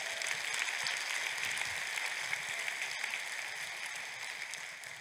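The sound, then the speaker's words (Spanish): Sustained applause offered to the Lord by a crowd, a dense steady wash of many hands clapping at moderate volume with no pauses, holding evenly for several seconds before easing slightly at the end. “Aplausos al Señor.”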